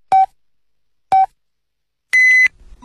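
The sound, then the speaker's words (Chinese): Two short, identical mid-pitched electronic beeps spaced a second apart, then a longer, higher, harmonically rich tone: the radio time signal marking 17:30 Beijing time on Jinhua People's Radio Station's rural broadcast, heard alone with no talking. “北京时间17:30。”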